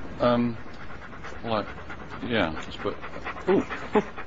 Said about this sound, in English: Oh, hello. You're nice, aren't you? Nice and bouncy and sort of... Yeah. What's it called? It's a dog.